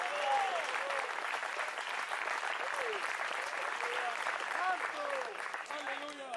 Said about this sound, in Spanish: Dale fuerte ese aplauso, si es para él.